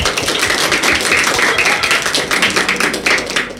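A crowd claps steadily, a dense wash of overlapping hand claps at constant loudness with no voices, sustained throughout.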